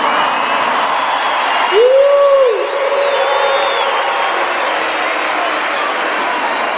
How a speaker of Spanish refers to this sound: ¡Fuertes aplausos!